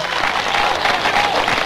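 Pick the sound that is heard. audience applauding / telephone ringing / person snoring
audience applauding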